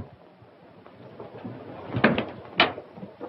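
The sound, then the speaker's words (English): A door opens as a father arrives, marked by a short cluster of knocks and rattles followed by one sharper clack, then stillness. “There's your father at the door.”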